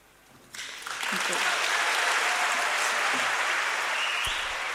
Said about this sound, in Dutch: En dat was toch wel te horen aan het applaus van het publiek in Vredenburg.